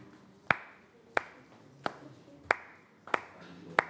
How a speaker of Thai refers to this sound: โอเคเยี่ยมมากอันนี้คืออะไรลูกย่ำเท้า